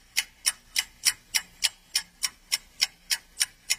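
A clock ticks steadily and crisply, about a dozen sharp, evenly spaced clicks at a quick, regular pace, clear with nothing else in the background, in an advert for the watch and jewellery shop Relojería y joyería El Ancla.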